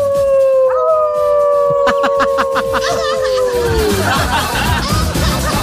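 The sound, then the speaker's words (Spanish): A long, loud wolf howl holds a steady tone for several seconds, then slides downward and fades into a rough, noisy wash of background sound. “Llegaron los lobos, ¿ah?”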